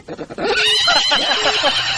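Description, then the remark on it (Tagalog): A horse lets out a loud whinny that quavers up and down for over a second, preceded by a few short snorting breaths. “Oh, nagsakay kang kabayo,”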